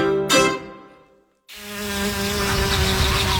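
A bumblebee buzzes with a low, steady droning hum, breaks off briefly into silence, then resumes and keeps humming evenly to the end, with no voices.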